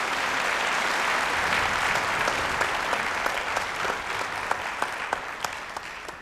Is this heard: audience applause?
yes